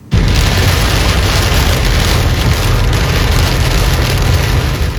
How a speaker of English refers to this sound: Some people are waking up in the dark this morning after heavy rain hit the Miami Valley yesterday. This video is from Miami Township. You can see the windshield wipers on this car going nonstop as the rain comes down.